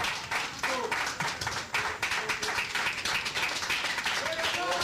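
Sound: audience applauding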